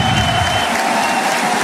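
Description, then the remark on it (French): A large rugby stadium crowd applauds player James Hall as he is replaced after scoring a try, a dense wash of clapping with a faint cheering undertone, loud and continuous with no talk over it. “Bien applaudi parce que son essai, il se l'est pelé.”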